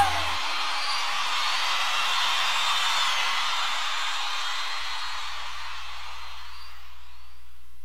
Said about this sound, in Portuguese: salva de palmas, meu amigo